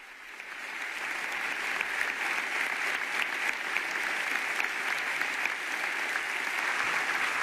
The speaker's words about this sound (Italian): The Pope is receiving a standing ovation, it looks like, from the people here in attendance. They were clapping during his speech, and now a very long round of applause at the end of the speech. Everyone here on their feet.